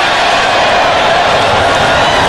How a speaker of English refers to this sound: you hear the students who are down to our right are all standing and waving at the train. They're applauding the train as it goes by behind center and right.